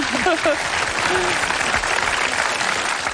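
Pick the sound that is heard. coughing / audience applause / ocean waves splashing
audience applause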